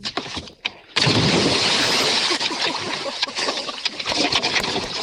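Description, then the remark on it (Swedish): A person does a cannonball jump off a jetty into the water: a loud splash about a second in, followed by several seconds of churning, spraying water. Only faint sounds come before the plunge. “Var det där bästa plasket? Ja, men det var den bästa bomben.”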